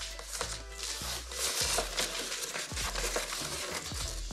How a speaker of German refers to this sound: Nee, das geht gar nicht. Guck mal, da reißt sich die Folie sofort ein. Kannst also wenn nur mit Schere schneiden, würde ich sagen.